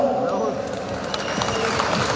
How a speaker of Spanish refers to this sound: Muchas gracias, fuertes los aplausos.